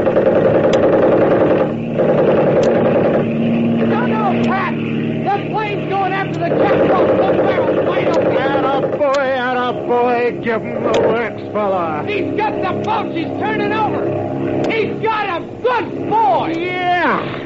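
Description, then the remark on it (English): A loud, steady motorboat engine drones throughout as the boat comes closer, continuous, with people's voices breaking in over the roar during the second half. “I am waving, but the other boat's coming. They're getting too close.”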